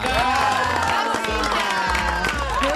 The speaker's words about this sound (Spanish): Señoras y señores, compañeros, compañeras, damas y caballeros, atención porque la vamos a recibir a ella con un fuerte aplauso, como corresponde.